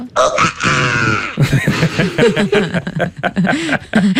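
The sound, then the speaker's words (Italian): A person deliberately performs a loud, strained human scream that holds for over a second with a harsh, buzzy tone, then breaks into a run of shorter wavering vocal yelps and chuckle-like sounds. “Adesso faccio l'urlo.”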